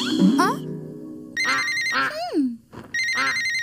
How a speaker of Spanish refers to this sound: Escucha un timbre. ¿Qué podrá ser?